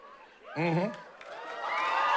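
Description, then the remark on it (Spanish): A loud, brief shout from several young people in an audience bursts out, followed by a swell of overlapping crowd voices calling out. “Claro, como los que acaban de gritar.”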